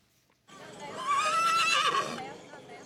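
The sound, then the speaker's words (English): A colorfully clad horse, one of dozens parading past rice paddies at a traditional early-summer festival in Iwate Prefecture, northern Japan, lets out a loud, wavering whinny lasting about two seconds, with hooves clip-clopping and a voice speaking underneath. “And before we go, dozens of colorfully clad horses paraded past rice paddies in northern Japan.”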